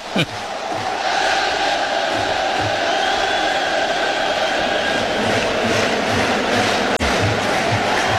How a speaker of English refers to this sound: Can you hear this crowd? How can you not?